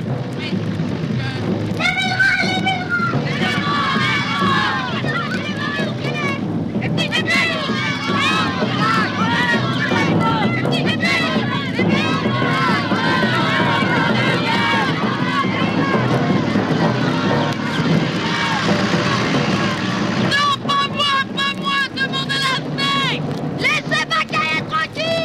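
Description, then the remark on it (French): A tractor arrives with a crowd following behind it, its low engine rumble rolling along beneath the loud, busy crowd, voices shouting and chattering together for the whole stretch, growing livelier toward the end. “Un tracteur qui arrive avec la steak dessus. Et toute la troupe des vélerins derrière.”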